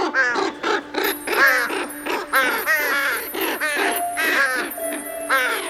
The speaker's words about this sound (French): Cette nuit-là, paraît-il, tous les corbeaux et les crapauds du monde ont entamé sans se concerter une bien étrange chanson.